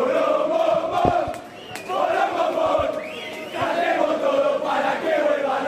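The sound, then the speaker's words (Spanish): A large crowd of River Plate members and fans chants loudly and continuously in unison in an enclosed hall they have packed, the sustained shouted voices echoing and booming, with brief dips between phrases. “No lo podían sacar a la gente de River, a los socios e hinchas de River que habían copado ese hall.”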